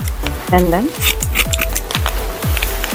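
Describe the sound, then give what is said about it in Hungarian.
Hair-cutting scissors snip in a steady rhythm, about two crisp metallic cuts per second, with a brief voice-like sound near the start. “Ez egy hajvágó ollónak a fémes hangja.”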